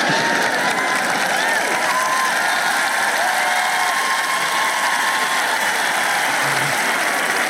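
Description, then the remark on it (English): An audience claps steadily, a dense, continuous patter of many hands that stays fairly loud and even for the whole stretch without pausing. “Yeah, well, you might not clap if you were in the gym with me and walking with me and doing all this stuff.”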